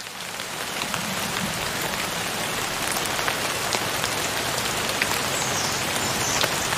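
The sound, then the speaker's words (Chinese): Steady, dense rain falls on leaves, a constant hiss with crisp individual drops ticking through it, even throughout with no voices. “它们会一滴一滴地收集挂在枝叶上的雨水喝下。每次下雨都是树懒喝水的好机会。”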